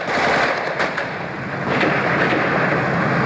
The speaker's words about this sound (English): As I speak, the gun turret of the Soviet combat tank is sweeping backwards and forwards above my head. You can probably hear the crack of automatic weapon fire from the armored vehicles.